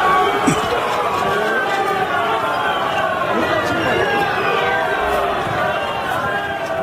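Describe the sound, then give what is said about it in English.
A large crowd boos Romanian president Nicolae Ciolan as he speaks to media outside the site where a Russian drone crashed into an apartment building in Romania; many overlapping voices jeer and shout loudly and steadily in a dense, continuous roar that holds for the whole stretch. “The Romanian president, Nicolae Ciolan, was speaking to media outside the site of the crash and was met with booing.”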